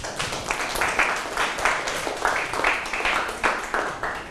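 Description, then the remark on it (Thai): A group of students in a Thai classroom claps for a classmate after a presentation on a Thai idiom, a steady, fairly loud burst of applause, the rapid hand claps blending into a continuous patter for several seconds with no talking over it. “ได้ดีแล้วลืมตัวตนของตนเองปรบมือให้เพื่อน”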